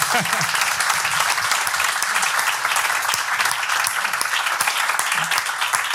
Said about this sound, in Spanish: Así que, bueno, ante todo le daré un aplauso